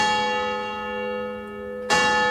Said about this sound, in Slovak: Dal vyzváňať na kostolnej veži a jeho pomocník z celej sily vykrikoval.